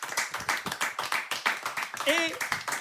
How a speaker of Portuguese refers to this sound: e aplauso grande desta noite